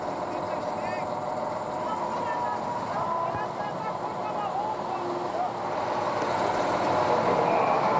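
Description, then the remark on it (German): A crane slightly lifts a truck so it won't tip over while it is slowly pulled out onto the road with a tow rope, in snow: a steady, loud diesel rumble with faint creaks and squeals from straining machinery, muffled voices underneath, growing slightly louder toward the end. “den LKW mit dem Kran etwas anheben, damit er beim Rausziehen nicht umkippt.”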